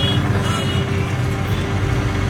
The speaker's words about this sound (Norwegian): Det startet som en helt vanlig tirsdag ettermiddag I byen Beirut I Libanon. Fortauskaféene åpne. Små mopeder manøvrerer seg gjennom den tette trafikken.